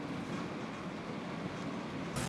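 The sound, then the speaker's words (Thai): A Malaysian electric passenger train, travelling from Padang Besar to Butterworth, rolls along with a steady rumble and hiss, continuous throughout, with a slight surge of noise at the very end and no voices. “ทีมงานวิถีอาเซียนได้ลองเดินทางจากด่านประดังเบซาโดยขบวนรถไฟฟ้าของมาเลเซียนี้”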